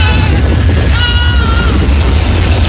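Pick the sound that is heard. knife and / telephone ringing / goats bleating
goats bleating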